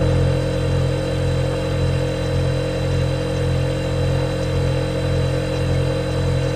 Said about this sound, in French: Le réfrigérateur. Et aujourd'hui, on va même vous parler du réfrigérateur américain ou frigo américain. Vous savez, le réfrigérateur américain, c'est énorme. D'un côté, vous avez un frigo. À côté, vous avez un gros congélateur.